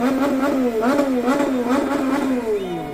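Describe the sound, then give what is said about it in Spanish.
Horns of parked cars blare outside the Ecuador national team's hotel in a long, unbroken wail, their steady pitched tone wavering slightly with faint rhythmic pulses before sliding lower and fading at the end. “Carros estacionados hacían esta bulla en los exteriores del hotel de concentración.”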